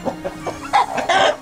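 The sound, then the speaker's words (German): A chicken clucks in a quick series of short calls, rising into a few louder, squawkier notes toward the end, with no talking. “Welches Huhn ist ein preisgekröntes Huhn?”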